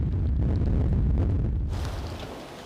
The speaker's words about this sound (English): The winds have already reached storm force 8. The conditions are extremely bad. They could be even worse, but they're already borderline.